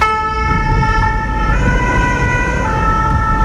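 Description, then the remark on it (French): A fire brigade ambulance siren wails loudly as the ambulance arrives at a home, its steady tones held over the deep rumble of a running engine, with no voices. “Un peu moins de 10 minutes plus tard, l'ambulance des pompiers arrive au domicile.”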